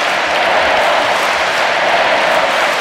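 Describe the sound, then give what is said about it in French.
A huge crowd of young people in the Stade de France chants the Pope's name and cheers in unison, a dense, loud wall of voices that carries on without a break across the whole moment. “La foule du Stade de France qui scande le nom du Saint-Père.”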